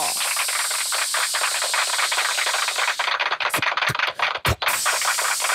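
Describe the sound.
A voice imitates the sound of chicken being deep-fried, made by mouth as a handmade sound effect: a steady, dense crackling hiss, loud, sputtering with tiny pops and briefly breaking up near the end before resuming.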